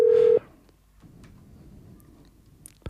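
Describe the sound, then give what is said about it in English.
A brief, loud electronic telephone tone sounds once at the start, then cuts off into quiet line hiss with a few faint clicks. No one speaks. An outgoing call from the Belgian radio station Radio Panique to a guest in Austin, Texas. “if you're listening to me there from Austin, Texas, I think, be ready for the phone call. It's coming.”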